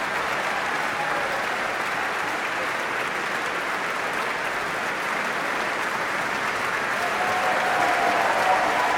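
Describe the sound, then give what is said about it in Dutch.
Sustained concert audience applause for the trumpeters of the Radio Philharmonisch Orkest, a steady wash of many hands clapping at an even level throughout, with a faint whistle-like tone rising toward the end and no speech. “En dit applaus is voor Ad Willeman, Raymond Rook en Johan Verheij, de trompetisten van het Radio Philharmonisch Orkest.”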